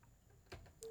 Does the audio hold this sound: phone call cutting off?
yes